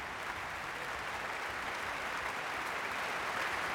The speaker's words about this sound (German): Und Sie hören es selbst, großer Jubel in der Elbphilharmonie.